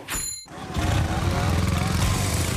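After a brief whoosh, a loud motorcycle engine roars, its revving growl rising and holding steady for a couple of seconds.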